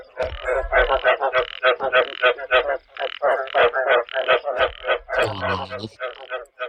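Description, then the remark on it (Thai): Frogs croak in a dense, continuous chorus of rapid, pulsing calls, loud, with one deeper, harmonic croak standing out near the end. “เฉลยก็คือเสียงกบร้องนั่นเองนะ”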